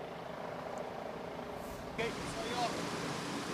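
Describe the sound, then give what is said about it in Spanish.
Firefighters' water cannons spray on a meat warehouse fire in a residential area of Boyle Heights in a steady, dense rushing hiss with a low mechanical rumble underneath, swelling slightly louder partway through and continuing without a break. “Bueno, lo que se puede ver y lo que se escucha son cañones de agua que han estado utilizando los bomberos desde la noche de ayer.”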